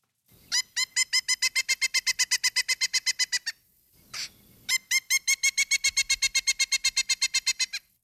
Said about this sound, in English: Definitely have heard that sound, right? Yes, and a lot of people probably will recognize it, perhaps. That is the vocal call, and that's a call that a pileated woodpecker, one would make that call hoping to connect with its mate